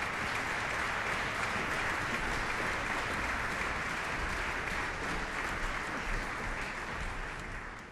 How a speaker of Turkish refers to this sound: Violonsel sanatçılarımız bekliyorlar. Alkışlar devam ediyor.